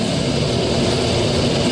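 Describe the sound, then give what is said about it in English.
Harsh, creaking synthesizer tones form a dense, grinding wall of sound, steady and loud throughout, with a gritty low rumble and a thin, piercing high whine on top. No one speaks. “A whole bunch of wild tones is coming in. Very ugly, creaking sounds. Eardrum destroying, nasty sounds.”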